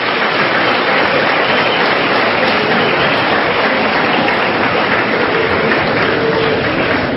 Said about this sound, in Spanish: Dile un aplauso al Rey bendito, aleluya.